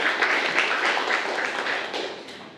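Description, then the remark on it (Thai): A group of students in a class applauds a classmate who answered a question, a dense patter of many overlapping claps held at a steady level for a couple of seconds before beginning to thin out at the end. “โอเคดีมากเลยครับนักเรียนปรบมือให้เพื่อนเลยนะครับ”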